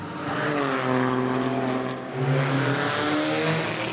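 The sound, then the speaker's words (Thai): A loud race car engine roars steadily on a world-class racing circuit with a buzzing, harmonic drone, its pitch dipping and then jumping higher about halfway through as it passes. No one speaks. “เราลงมาแล้วนะครับทุกคนแล้วก็แบบโอ้มันน่าตื่นเต้นมากอ่ะเฮ้ยมีรถวิ่งผ่านอ่ะคือแบบมันสัจใจมากมันได้ยินเสียงรถแบบดังขนาดนี้ครับทุกคนเครื่องยนต์ยังแรงอ่ะดุดดันมากครับทุกคน”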